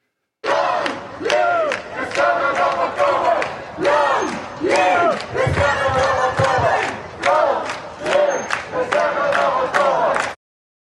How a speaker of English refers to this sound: guess we should at least be grateful that most of our pro-Palestine protesters didn't go as far as ones in Amsterdam yesterday who actually chanted, "Long live the 7th of October."